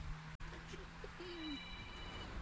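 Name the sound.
mobile phone ringing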